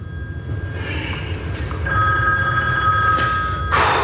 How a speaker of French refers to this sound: La sonnerie téléphone m'a fait perdre le fil.